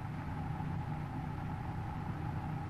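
A car engine runs at a steady idle inside a garage behind a locked door, a continuous low rumble with a faint mid-pitched hum layered on top, holding even and unchanging throughout.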